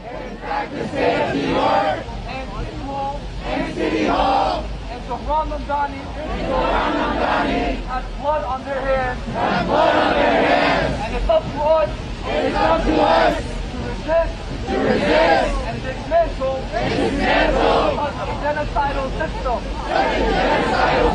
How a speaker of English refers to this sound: Now today at 4 o'clock, Free Palestine Movement is protesting against Mamdani in front of City Hall. So he's catching it from both sides. This is number six. This is that protest, what it sounds like outside of City Hall.